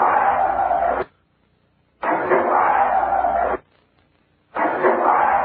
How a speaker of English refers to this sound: This is just a scream.